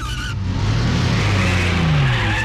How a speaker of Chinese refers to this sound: 汽车开得很快，呼啸而过，虽然一路颠簸，却丝毫没有减慢速度。